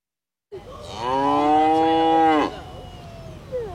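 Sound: cow mooing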